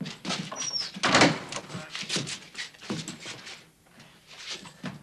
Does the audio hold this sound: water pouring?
no